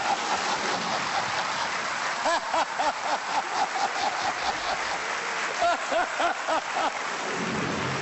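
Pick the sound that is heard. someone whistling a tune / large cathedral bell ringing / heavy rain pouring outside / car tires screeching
heavy rain pouring outside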